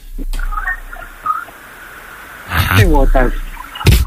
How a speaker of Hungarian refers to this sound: Vendég, így iszod a vizet, ki volt ez?